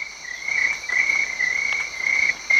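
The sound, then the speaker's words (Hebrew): A cricket on the trunk of a tree in a forest chirps steadily, its shrill high trill pulsing in repeated bursts with brief gaps, clear, no voices present. “היא הלכה לכיוון הצליל, ועל הגזע של אחד העצים ראתה את צרבו הצרצר.”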